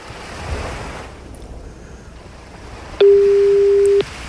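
A single one-second burst of a steady telephone ringing tone, heard while a live radio show on Radio M Utrecht calls a game winner, sounds loud and clear over a wash of surf-like background noise. No one speaks.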